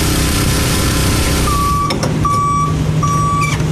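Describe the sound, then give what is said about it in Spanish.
A heavy water tanker truck, used to deliver rationed water to communities during a drought, rumbles loudly and steadily, and partway through a series of evenly spaced reversing beeps begins sounding over the drone. “Y los camiones cisternas se han convertido en albergues para su resguardo.”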